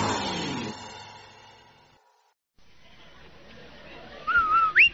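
A short, bright whistled jingle of a few rising notes, the Rinso advertising whistle on The Amos and Andy Show, rings out loudly near the end, after a fading musical tone, a brief silence and some low background noise.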